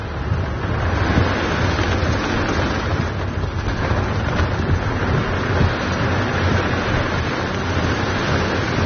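A dense, steady roar of heavy rain and gusting wind in the heart of a thunderstorm with lightning strikes, heard from a car on muddy tracks, with low rumbling thunder woven through the constant wash of noise and no voices.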